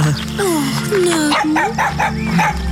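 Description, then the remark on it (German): A very small dog wearing a collar yips and barks in a quick, high-pitched series of short, excited calls, fairly loud, with a few whiny tones mixed in over a low background hum. “Keine Angst. Es ist nur ein sehr kleiner Hund.”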